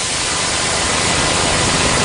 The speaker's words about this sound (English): Of course, we can tilt it the other way, toward the hissing high end of blue noise.